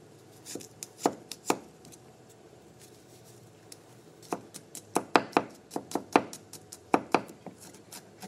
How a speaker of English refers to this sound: So for the tahini sauce, we're going to start by chopping up some garlic. We're going to just chop it up, and we're going to saute this.